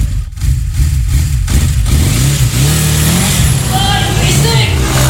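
A loud vehicle engine revs through its exhaust, the throaty roar climbing and dipping in pitch several times without pause, filling the whole stretch.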